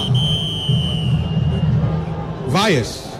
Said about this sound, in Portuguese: Vaias e silêncio na sequência. 1 pro Mirassol, 0 pro Vasco. Primeiro tempo encerrado aqui em São Januário.